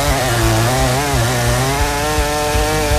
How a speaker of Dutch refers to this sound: Maar dan heb ik mijn grote kettingzaagmonster bij me.